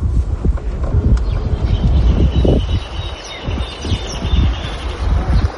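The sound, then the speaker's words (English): Horses shuffle and clop their hooves in an irregular rhythm of dull thuds and scrapes at a small farm where they are being prepared for pato practice, with birds chirping faintly in the background and a light outdoor breeze. “We arrive at a small farm where the horses are being prepared for pato practice.”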